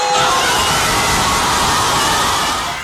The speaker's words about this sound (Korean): 종료 휘슬이 울리자 스페인 수도 마드리드 거리를 채운 수만 명의 인파가 일제히 환호성을 지릅니다.